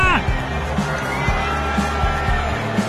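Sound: baseball stadium crowd cheering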